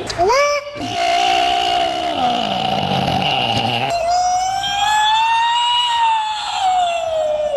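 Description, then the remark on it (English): A loud, sustained vocal wail, a person imitating a Bigfoot call that resembles a siren, its pitch climbing, holding, then rising and falling again over several seconds, alone with no talking. “Sounds like a siren and a bird.”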